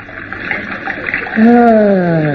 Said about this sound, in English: Yeah, which reminds me, pour some more cold water in the basin, will you, dear?